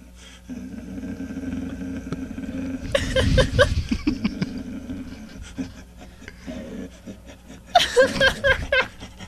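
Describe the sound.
A man's voice imitates a dog, letting out rough, growling barks and panting huffs in two bursts over a steady low hum, with gravelly vocal noises in between.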